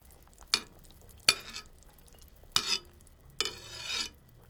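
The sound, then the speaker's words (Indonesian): A ladle skims the fat off the surface of a pot of chicken broth simmering over low heat, four short, evenly spaced scraping swishes, fairly crisp, with a faint low background hum and no talking. “Kalau air sudah mendidih, kecilkan api dan buang lemak yang naik ke permukaan.”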